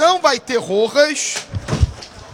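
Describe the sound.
A voice calls out, then a chair breaks and a person crashes to the floor with several heavy thuds and a short clatter, during a live commentary on a Vasco da Gama football match.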